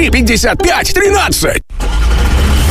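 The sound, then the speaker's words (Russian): A cat named Murzik yowls nervously in several drawn-out, wavering cries inside a car, then after a brief pause a steady engine rumble fills the cabin. “Ну что опять за рок-концерт в машине?”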